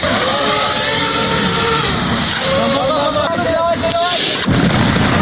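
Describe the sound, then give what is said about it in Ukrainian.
Loud, dense simulated artillery shelling from the ground rumbles and booms without pause during a cadet training exercise, a thick wall of explosive noise with voices shouting faintly through it and a sharp burst near the end. “Окрім імітації обстрілів із землі, за курсантами із неба постійно стежить ворожий дрон.”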